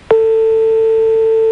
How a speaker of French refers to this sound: Vous entendez la sonnerie ? Oui. D'accord, donc il est en train de vous appeler, là.